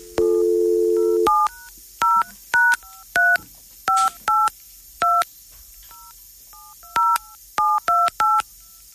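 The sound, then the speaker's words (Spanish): A steady telephone dial tone hums for about a second, then gives way to roughly a dozen short, clear keypad tones beeping in an irregular sequence as a call is placed that does not ring, loud, with no voices. “El teléfono no timbra. Es un teléfono raro.”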